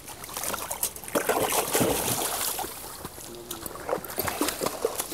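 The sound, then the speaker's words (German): A young pelican paddles through water, with continuous sloshing and splashing and small trickles rising and falling for several seconds. “Dafür geht's ins Wasser, aber ganz einfach.”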